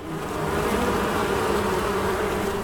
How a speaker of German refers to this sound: An der Heine-Uni wimmelt es nicht nur von Studis, sondern auch von tausenden Bienen. An denen wird im Institut für Evolutionsgenetik geforscht.